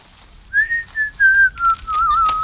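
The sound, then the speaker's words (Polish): A person whistles a short, wavering tune introducing the Polish gardening radio segment 'Chłopak z konewką' (Boy with a Watering Can), the clear tone sliding slowly downward in a few connected phrases, fairly loud with faint background hiss. “A to taki chłopak, co lubi gwizdać i o ogrodach opowiadać i nie jest sam.”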